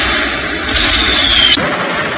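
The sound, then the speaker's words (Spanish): A loud, dense roar of battlefield gunfire and artillery in a trench battle in no man's land near the French village of Camville, as a platoon of Welsh soldiers of the British Expeditionary Force, entrenched at the edge of a small wood, repels a strong German counterattack. A high whistling tone rises over the din before it shifts abruptly near the end. No one speaks. “En medio de esa lluvia de metralla”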